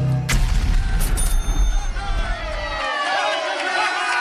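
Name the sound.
explosion sound effect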